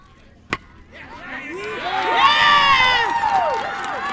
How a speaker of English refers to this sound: Spectators near the Canadian dugout roared to life after a single from player Cassie Matlock earned Canada the first two runs of this year's tournament.